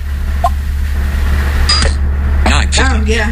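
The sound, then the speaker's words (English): A fingerprint sensor's unlock chime when the fingerprint is correct: a short electronic click-like blip followed by a few quick warbling tonal chirps, over a steady low hum, with voices murmuring around it. “Here's the fingerprint sensor when it's correct.”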